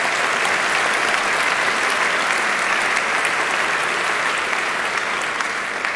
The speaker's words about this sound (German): Das ist ein Applaus wert.